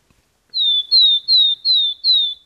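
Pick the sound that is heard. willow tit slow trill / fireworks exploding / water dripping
willow tit slow trill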